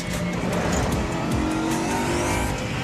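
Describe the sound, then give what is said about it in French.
A car engine roars steadily at speed, its tone gradually climbing as the car shifts up into sixth gear, with loud, constant road and wind noise and no talking. “Allez, on va passer la 6.”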